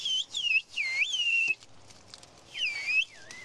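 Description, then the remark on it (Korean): A woman working in a hillside field whistles a signal in whistled language to someone over on the other side, a series of sliding, swooping notes in short bursts, rising and falling in pitch, with a pause before a final whistled call that glides downward; no talking. “아주머니가 휘파람을 부니까 저쪽에서 휘파람으로 답변이 왔습니다.”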